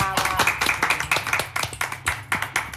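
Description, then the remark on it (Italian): A crowd applauds steadily, many hands clapping in a dense, irregular patter that stays fairly loud and even throughout, with no voices over it. “Sì, qua meritava l'applauso.”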